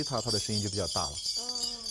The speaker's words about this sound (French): Le son est très agréable. La fréquence de chaque cloche est différente. Plus la cloche est grosse, plus le statut de son propriétaire est élevé. Ces cloches très intéressantes font plus de bruit si vous les secouez.